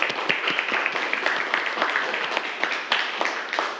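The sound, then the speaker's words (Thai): Students in a class clap together for a classmate who correctly answered a question about the resting heart rate, a steady burst of applause, many hands overlapping into a dense, bright patter with sharper individual claps popping through, sustained at moderate loudness. “ถูกต้องครับนักเรียนปรบมือเพื่อนครับ”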